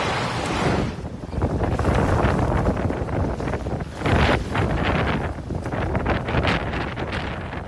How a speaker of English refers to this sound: Not the best day to be out on one of those boats or out of one of those docks as you hear the wind screaming along the Massachusetts coastline this weekend.